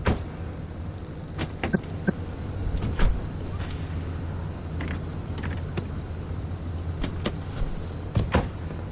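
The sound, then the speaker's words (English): A car's low, steady engine rumble fills the cabin as it rolls slowly in a driving video game set on the Olympic Peninsula, broken by scattered mechanical clicks and a solid clunk as the gear lever is shifted into park. “the car will roll away if we don't put it in park.”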